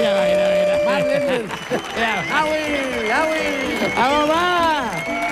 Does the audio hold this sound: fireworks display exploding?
no